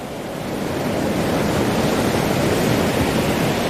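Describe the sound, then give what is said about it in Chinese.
Steady, loud surf roars without a break as ocean waves crash and wash onto the shore where orcas train young orcas to hunt, a broad hissing rush of water with no voices. “虎鲸首领利用一团被冲到岸边的海藻充当南海狮幼崽，让虎鲸学徒逐渐学习适应海浪的节奏。”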